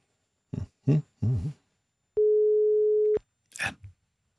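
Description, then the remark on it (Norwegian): A telephone call tone sounds once, a steady, clear beep lasting about a second while a call to contestant number two in a reflex test contest goes unanswered, with brief vocal sounds just before it and a short noisy burst after. “Ja, ringer vi deltaker nummer to.”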